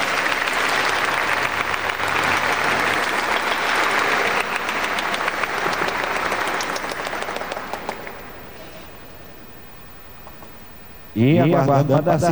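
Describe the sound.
A crowd claps steadily in a dense, sustained burst of applause for about eight seconds, then it thins and fades out before a voice begins speaking.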